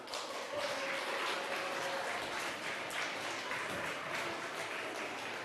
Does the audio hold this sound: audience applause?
yes